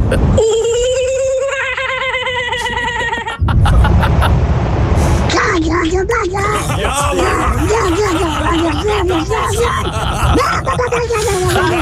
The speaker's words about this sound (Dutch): Dit is een vogel uit Australië, de kookaburra. Komt ie aan.